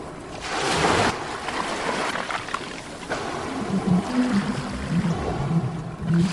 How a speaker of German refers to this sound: Sofort von der Maschine heraus begann das angenehme Rauschen der Meereswelle mit entspannenden Stimmen von Walen zu klingen. Es war eine schöne Musik für die Ohren.